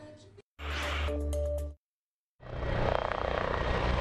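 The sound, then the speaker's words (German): Military aircraft roar overhead in loud bursts: a droning engine with a steady whine, a brief silence, then a broad, rushing jet noise sweeping by. Two helicopters, an A400M, four Eurofighters and a Tornado fly over the Bundeswehr base at Schönewalde-Holzdorf, Germany, marking the German Air Force's 70th anniversary. “Zwei Hubschrauber, eine A400M, 4 Eurofighter und ein Tornado haben die in Schönewalde-Holzdorf stationierte Bundeswehrtruppe standesgemäß zum Jubiläum gegrüßt.”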